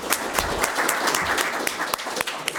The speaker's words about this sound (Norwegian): Da tenker jeg at vi skal avslutte den seansen, og da gir vi en applaus til Eirik som har veldig bra.